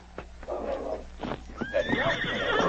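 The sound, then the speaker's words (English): A few hollow hoof thuds, then a horse lets out a loud, high whinny that rises and quavers downward, with more clattering hooves beneath it as two horsemen ride off. No one speaks. “Two horsemen were already gone by the time King reached their hiding place.”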